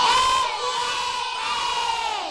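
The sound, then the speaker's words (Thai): A group of children in a class crows together like a rooster, voicing a rooster character, one long, loud, sustained chorus of high voices that wavers slightly in pitch and holds steady for about two seconds. “เหมือนไก่ยังไม่ตื่นเลยค่ะเอาใหม่ขอใหม่หนึ่งครั้ง”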